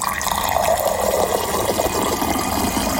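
Water runs steadily from a tap into a bottle as a woman refills her water bottle, a continuous rushing, gurgling stream that stays fairly loud for a few seconds, with no voices.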